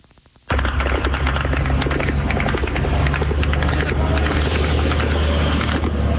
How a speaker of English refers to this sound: Sound of Ukrainian drones as they hit targets in Russia. Overnight into Tuesday, Kyiv struck Russian warehouses belonging to Wildberries, the country's largest online retailer known as the Russian Amazon.